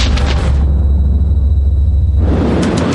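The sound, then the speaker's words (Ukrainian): A sapper's explosive charge detonates during secret tests: a heavy, sustained low roar and rumble, with broad crackling bursts at the start and again near the end, and a thin high whine in between. No voices. “Один, два, три! Вибух!”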